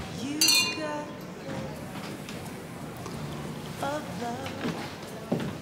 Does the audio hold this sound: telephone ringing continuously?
no